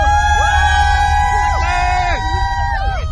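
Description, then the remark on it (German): A crowd of over 100,000 Formula 1 fans at Grand Prix qualifying cheers loudly for their British drivers, with many overlapping high whoops and shouts rising and falling over a dense roar of voices. “Und die über 100.000 sorgen für lautstarken Jubel für ihre Fahrer.”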